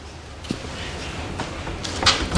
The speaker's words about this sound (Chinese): 窗户都给震开了。